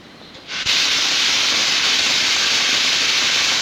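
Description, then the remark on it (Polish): A bathtub tap in a bathroom turns on after a brief quiet moment, and water gushes into the tub in a loud, steady, hissing rush that continues unbroken to the end. “Jestem w łazience, puszczę wodę w wannie na chwilę.”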